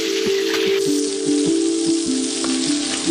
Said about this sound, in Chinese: 先把黑鲟鱼在油锅中煎出焦香，然后加水慢慢熬煮，鱼肉的鲜美慢慢渗入汤中，满锅鲜香。